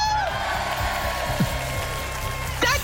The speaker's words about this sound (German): Da ist ja jemand ordentlich am Jubeln.